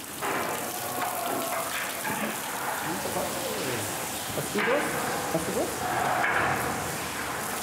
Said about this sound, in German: So eine Rieseldusche bietet Trinken und Entspannen in einem. Also wenn ein Flusspferd zu lange ohne Wasser ist, dann reißt die Haut auch auf und wird trocken halt.